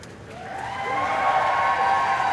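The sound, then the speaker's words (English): A crowd at the Foreign Office, across the road from Downing Street in London, cheers President Zelensky's arrival steadily, a dense wash of many raised voices with a shrill, sustained edge, swelling slightly after the first second and holding at a strong, even level to the end. “Those cheers you can hear are coming from the Foreign Office over the road.”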